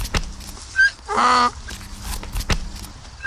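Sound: donkey braying hee-haw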